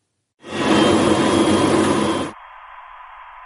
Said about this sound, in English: you'll first of all hear this noise, which is all the kind of machinery going on, and then I fade in the inverse of that noise on top of the original, and you'll hear it, how it cancels out the original sound and virtually gets rid of it.